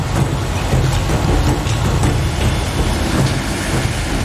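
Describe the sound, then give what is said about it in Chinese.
A sugarcane train rumbles steadily along a dedicated cane railway in Queensland, Australia, carrying harvested sugarcane to sugar mills during the winter harvest season, a loud, continuous low rolling noise with faint rhythmic clatter from the wagons, without voices. “超过2000公里的专用甘蔗铁路网，如同流动的血管，将成熟的甘蔗原料源源不断地输送进各地糖厂。”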